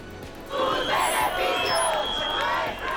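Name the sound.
protesters shouting outside parliament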